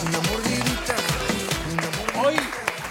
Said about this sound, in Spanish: ¡Un aplauso para Mágica